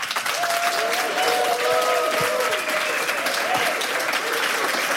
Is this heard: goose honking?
no